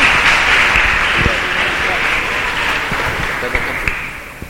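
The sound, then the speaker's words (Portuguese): A crowd applauds steadily, dense overlapping claps forming a bright, hissy wash that holds for several seconds and eases slightly toward the end, with a few sharper claps standing out. The applause welcomes a speaker and storyteller at a morning youth gathering. “Palmas aí pra ele.”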